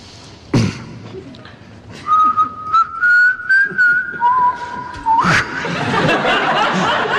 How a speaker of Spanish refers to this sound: El intérprete humedece sus labios en agua, como saben, el gran secreto de los silbadores.